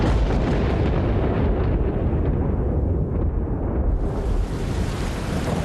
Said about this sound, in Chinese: 哟，打雷了，这都下雨了。